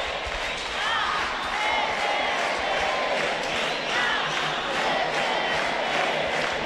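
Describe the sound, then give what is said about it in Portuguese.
A large arena crowd of fans roars continuously at a Libertadores da América match, many voices shouting and chanting together "a CBF tem que dar força" in a dense, steady wall of sound that swells slightly in rhythmic waves. “A torcida grita a CBF tem que dar força.”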